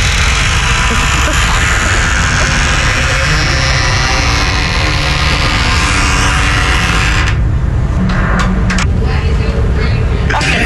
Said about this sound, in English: You went to the bathroom, like, you're like, what is that sound? I have a recording here for you. This is the door being opened.